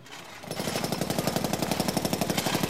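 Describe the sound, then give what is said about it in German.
Construction noise from a clinic being built: a jackhammer starts up after a brief pause and pounds in a fast, steady rhythm, loud, with no voices. “Jetzt bauen sie da schon wieder etwas nach.”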